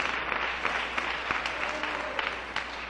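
An audience applauds for the Lord during a sermon, a steady wash of many hands clapping with scattered sharper claps standing out, moderately loud, without any voices on top.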